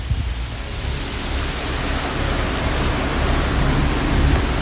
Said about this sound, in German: Es wird immer mehr, es gibt viel Wasser. Wie schön ist das denn? Ja, da schifft's ordentlich momentan in Freiburg.